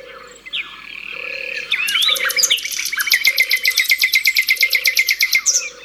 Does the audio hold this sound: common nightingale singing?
yes